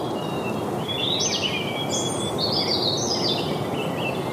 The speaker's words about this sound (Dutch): Volgens mij hoor ik in de verte al één vogel beginnen. En dat is vaak inderdaad een van de eerste. De roodborst.